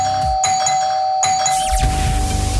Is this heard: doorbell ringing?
yes